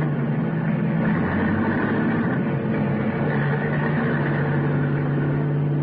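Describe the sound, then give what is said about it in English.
A car engine hums steadily as the car starts off and drives away, a low, constant rumble with a droning tone, moderately loud, with no voices over it. “I could hear his steps coming over the car. And then getting in, and then we were starting off.”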